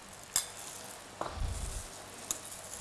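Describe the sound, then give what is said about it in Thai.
Chopped ingredients for Thai larb, including egg white and straw mushrooms, being stirred and tossed together, a soft, steady rustle broken by three light clicks of a utensil and a brief low thump, with no talking. “เคี่ยให้มันแยกออกจากกันนะคะแล้วก็ใส่เห็ดฟางนะคะใส่ลงไปเลยนะคะเคาพอให้มันแค่เข้ากันนะคะ”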